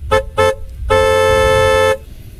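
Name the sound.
car horns honking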